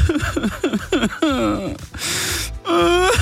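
A man, the boss in an office, sobs and wails loudly after McDonald's permanently removed the McRib from its menu, with a series of short, jerky gasping sobs breaking into long, drawn-out moaning cries and sharp breathy inhales between them.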